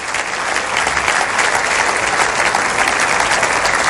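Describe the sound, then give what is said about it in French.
A church audience claps to applaud the grace of God, a steady, dense, even wash of many hands with no pauses, sustained at a loud level from start to finish without voices standing out. “Et on va applaudir la grâce de Dieu.”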